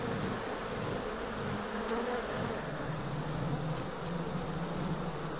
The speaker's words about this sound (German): Anders als ihre Verwandten auf dem Festland wurden diese Bienen nicht darauf gezüchtet, besonders friedlich zu sein. Im Gegenteil, sie sind angriffslustig, robust und wehrhaft.